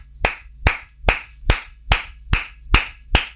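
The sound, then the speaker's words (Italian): One person applauding themselves, eight sharp, evenly spaced claps at a steady moderate pace, each crisp and fairly loud, with no talking over them. “Scusate, ragazzi, mi faccio un applauso.”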